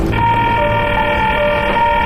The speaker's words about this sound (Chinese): 电话打通了吗？ 打不通。